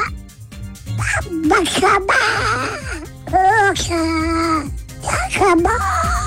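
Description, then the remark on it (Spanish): A person speaks continuously for several seconds in a raspy, squawking Donald Duck voice, fairly loud, with quacky, strained syllables rising and falling in pitch; a listener's son from Popayán sending a greeting to the radio station Bésame. “Pues ahí están nuestros oyentes Bésame hoy en el Día Mundial del Pato Donald, enviando su mensaje con la voz del Pato Donald.”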